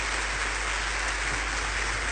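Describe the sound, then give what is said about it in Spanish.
An audience claps steadily, giving a loud round of applause to the King, meaning God: a dense, even wash of many hands that holds at a fairly strong level for a couple of seconds, with no voices over it. “Ahora sí, dale un fuerte aplauso al Rey.”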